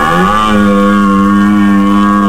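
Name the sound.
red deer stags roaring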